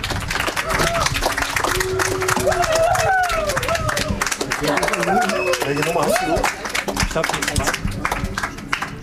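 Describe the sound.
Dense, steady applause from a group fills the whole clip, many hands clapping at once, with some voices calling out and talking over the clapping in the middle.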